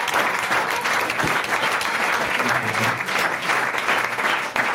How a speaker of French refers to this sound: Une bonne réponse de notre invité. Déjà, on peut l'applaudir, sa dernière réponse.